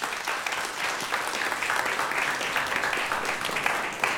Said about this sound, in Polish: Brawa dla Państwa.